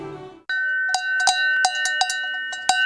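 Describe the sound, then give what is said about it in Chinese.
Camel bells clank in an uneven, jostling rhythm, about a dozen bright metallic strikes over a sustained high ringing tone, following a brief low murmur at the start. “今天，古老的驼铃声化作上合组织国家青年的步履”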